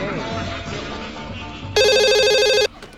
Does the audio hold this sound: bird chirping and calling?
no